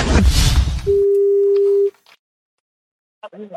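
After a brief rush of noise, a telephone line rings once on a call placed by RTL: a single steady, clear tone lasting about a second. Silence follows, then a voice starts to answer over the line.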